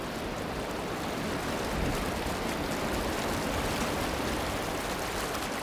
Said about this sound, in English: White water here sings.